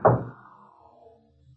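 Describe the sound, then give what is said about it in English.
A solid knock on a door, one sharp wooden thud at the start whose low, hollow ring fades away, leaving near silence with no voices. “Whitey, they only knocked twice.”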